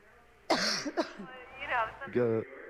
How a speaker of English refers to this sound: She's got a bad cough.